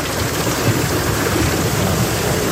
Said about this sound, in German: Es hat ordentlich runtergehauen. Richtig fette Hagelkörner, teilweise Sturm mit dabei. Unwetter in der Nacht über Thüringen.